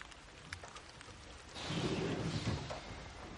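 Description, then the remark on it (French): Rain starting to fall, pattering down in a steady hiss with scattered distinct drops, swelling louder partway through with a low rumbling undertone before easing slightly. No one speaks. “Il commence à pleuvoir.”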